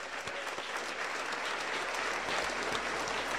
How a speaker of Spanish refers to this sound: Aplauso para el Señor Jesús.